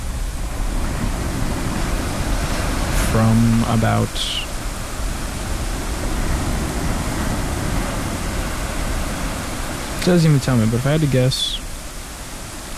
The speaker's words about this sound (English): In the background, we got some calming storm ambience in the background. Specifically, a majestic tropical thunderstorm off of …. Thunderstorm, rain, and ocean waves. Healing sounds of nature.